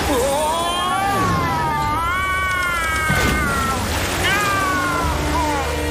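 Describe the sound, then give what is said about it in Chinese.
Kittens meow in long, wavering, high-pitched cries, several overlapping, over a steady loud rushing rumble like churning water or an engine. “莱德，韩丁娜先生和小猫咪们遇到大麻烦了。”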